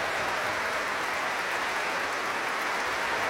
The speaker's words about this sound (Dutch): Daar krijgen afzonderlijke solisten uit het orkest applaus. Ik zal ze niet allemaal opnoemen, helaas, maar alle solisten die vanavond een solorol hadden in deze fantastische symfonie krijgen van het publiek en van het orkest zelf ook applaus.